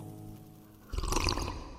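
Sparkling water pours, a bright fizzing, bubbling gush that starts abruptly partway through after a quiet low hum, then steadily fades. No voices.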